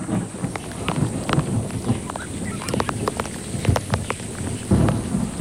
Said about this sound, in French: Oh, la pluie, il ne manquait plus que ça.